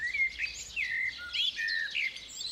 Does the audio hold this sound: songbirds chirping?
yes